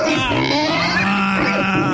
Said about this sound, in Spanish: cada participante tiene un sonido. El Diablito es el puerco.